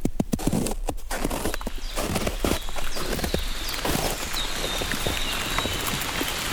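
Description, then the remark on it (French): Fine spring rain falls steadily through a beech forest in the Pyrenean foothills, a dense, continuous patter of irregular drips on leaves, with a thin high whistling tone drifting in the background partway through. “Une pluie fine.”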